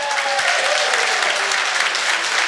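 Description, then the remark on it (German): Sustained, dense applause from a large crowd in a packed festival tent in Hintertux, Zillertal, at a Radio U1 Frühschoppen. It is loud and steady throughout, with many hands clapping at once and no voices standing out. “Ein knallvolles Festzelt hier in Hintertux und dafür ein Dankeschön an alle Gäste, die vorbeigeschaut haben und mit einem Applaus schicke ich mal liebe Grüße.”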